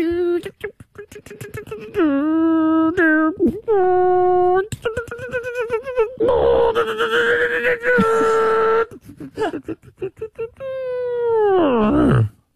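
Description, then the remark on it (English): A man's voice imitates an animal, with long strained moans and whinny-like cries, then a rough, rasping growl held for a few seconds before falling off into a low groan. “No, there's one bit where it growls.”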